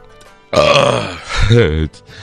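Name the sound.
burp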